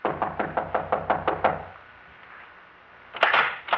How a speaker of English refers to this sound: She doesn't answer, Chief. Try knocking.